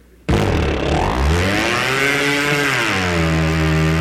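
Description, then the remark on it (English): A small two-stroke boat engine, started by pulling a rope made from a torn shirt wrapped around the flywheel, suddenly catches and roars to life, revving up to a loud, steady buzzing drone, with no talking. “Wrap that around the flywheel and pull the shirt tail.”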